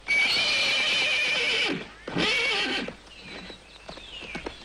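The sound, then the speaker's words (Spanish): A horse neighs loudly, two long whinnying calls in quick succession, followed by quieter snorts and shuffling sounds. “Y ya no sigue insultando a mi caballo.”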